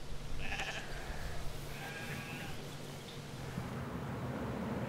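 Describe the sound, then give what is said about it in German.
A flock of sheep, about 500 belonging to an association and used as landscape grazers, bleating, with two or three wavering, mid-pitched bleats standing out over a steady low rumble of shuffling and background noise. No one speaks. “Etwa 500 Schafe gehören dem Verein.”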